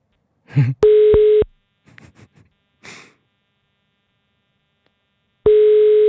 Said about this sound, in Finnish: Minä laitan puhelimen pirisemään. Hälyttää ainakin.